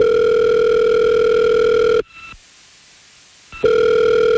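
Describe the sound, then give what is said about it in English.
An outgoing call's ringback tone as K99.1 FM radio hosts phone a listener: a loud, steady electronic ring lasting about two seconds, a brief silent pause, then the next ring starting. No voices. “Okay, so if you can just hang out and be quiet, we're going to get him on the phone and find out what happened.”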